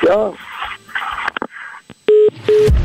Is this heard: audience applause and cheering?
no